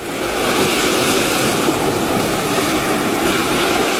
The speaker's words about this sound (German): Also ich würde mal sagen, das sind die Wellen.